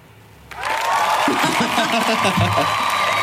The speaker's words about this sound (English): Thank you to all the people in the room that have just come in here and applauded us.